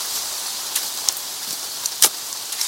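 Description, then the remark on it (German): Steady rain hisses continuously, drenching the ground, a dense high wash with scattered sharper drops and taps pattering on a surface. No voices. “Laumann und Hamann hatten Mühe, den vom Regen durchtränkten nassen Boden auszuheben.”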